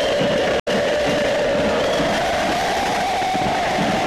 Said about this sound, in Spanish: Respuestas del público de Belgrano ante el micrófono que empuña …